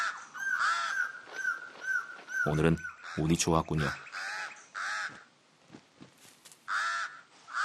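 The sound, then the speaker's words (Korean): A pied crow gives a run of loud, harsh, nasal caws in a quick rhythmic series, pausing while a voice speaks briefly, then resuming with a few more scattered caws. “흰가슴 까마귀는 가장 높은 가지에 둥지를 틀었습니다.”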